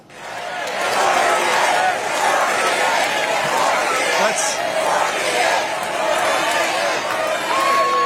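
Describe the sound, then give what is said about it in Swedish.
A large convention crowd in Dallas roars, chants and shouts continuously during Vice President J.D. Vance's speech, calling for him to become the 48th president; many voices blend into a loud, sustained din with occasional louder cheers rising above the mass of noise. “Och det lät rätt mycket som en uppladdning för 2028 när publiken skanderade och skrek att han skulle bli den 48:e presidenten.”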